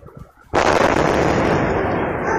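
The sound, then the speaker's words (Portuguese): A quiet background is suddenly broken by a loud gas explosion in the West Zone of São Paulo around 4 p.m., recorded by a security camera watching a balcony or terrace: a single massive boom that stays as a sustained roaring rumble rather than fading quickly. No one speaks. “E aí a explosão por gás, depois cachorro latindo, enfim, não dá pra ver nada na imagem que o ouvinte mostra, é só mesmo o circuito interno ali monitorando o que parece ser uma varanda, um terraço ali na parte de cima, mas o barulho é muito forte.”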